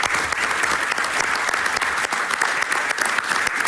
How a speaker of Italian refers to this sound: ci facciamo un grande applauso.